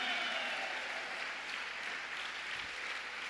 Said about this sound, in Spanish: Y lo menos que puedes hacer es ocupar tus dos manos para darle palma al Creador de todas las cosas. Vaya pues, aplauda, hija, porque hay quienes ni aplaudir pueden para Dios.